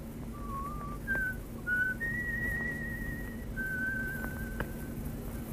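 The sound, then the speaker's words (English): A human whistled all-clear signal: a short run of clear notes stepping upward, then two long held tones, fairly faint over a low steady background hum, with no talking, while snow drifts down. “The all clear from von Reimer?”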